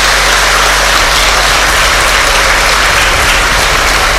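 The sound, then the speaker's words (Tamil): An audience at an educational institution's function claps steadily and densely for several seconds, a loud continuous wash of applause with no voices rising above it. “குறிப்பாக பெண் குழந்தைகளுக்காக ஒரு நபரால் உட்கார்ந்து இவ்வளவு பிரம்மாண்டமான கனவு காண முடியும் அப்படின்னா, உங்களாலே என்னாலே என்ன தர முடியும்? ஒரு கைத்தட்டல் மட்டும்தானே தர முடியும்.”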